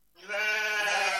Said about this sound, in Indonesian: Kambing. Kambing.